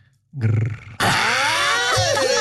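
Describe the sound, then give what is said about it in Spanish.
A person gives a short, low guttural growl, then breaks into a loud, rough howl-like cry whose pitch wavers and slides up and down, imitating an animal. “Hazme un grrr. A ver, aúllale, aúllale.”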